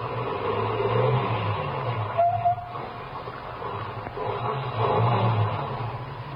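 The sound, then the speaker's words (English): A car engine rumbles steadily, easing off briefly as the car slows and stops, then revving back up as it turns around and drives back toward the listener. No one speaks. “Ahead, the car that passed me slowed down, and it also stopped. Then turned around and came back toward me.”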